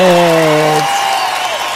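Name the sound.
applause sound effect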